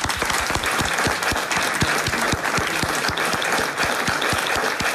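A live audience of residents of the commune of Flémal claps steadily and loudly in the morning, dense overlapping handclaps filling the space for the full stretch with no voices standing out.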